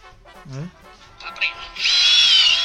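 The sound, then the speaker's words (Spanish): A small electric drill whirs to life with a loud, steady high-pitched whine, following a moment of indistinct talking and shuffling. “Ah, sí, me acuerdo del taladrito, se lo llegó acá viralizado de manera increíble.”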